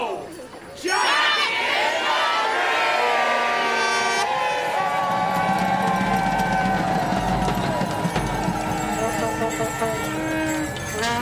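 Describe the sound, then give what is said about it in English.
A loud, dense wash of crowd noise swells in after a quiet first second, with many overlapping voices, shouts and cheers forming a continuous excited roar. “Green smoke from a flare escapes through the letterbox and envelops the crowd as the atmosphere intensifies.”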